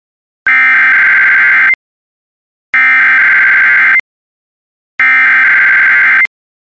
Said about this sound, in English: This was a test of the NOAA radio warning device. Following the alarm tone, your receiver should have turned on automatically. The alarm tone just transmitted should have been heard on any operating receiver.